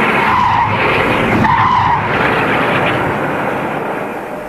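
A patrol car's clutch grinds and its engine roars loudly, with two brief tire squeals early on, then the noise eases slightly as the car pulls off, rapidly gaining speed toward town.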